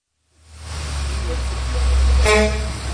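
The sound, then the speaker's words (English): A Royal Iranian Travel bus pulls up on a street in Istanbul at about 6:30 in the morning, its deep engine rumble swelling steadily, with a short horn toot near the end over street noise. “A bus that says Royal Iranian Travel just pulled up, and more than a dozen people just walked out of the bus.”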